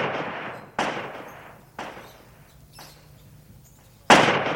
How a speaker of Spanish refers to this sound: En tan apacibles lares, el eco repetía una y otra vez cada disparo que hacía.